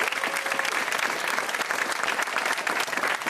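A crowd applauds steadily, a dense wash of many hands clapping at once, fairly loud and sustained throughout without any voices standing out.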